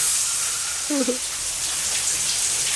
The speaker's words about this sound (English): Ladies having a shower. Yeah. Jeanette Lee. Right. Shower scene. Still having a shower.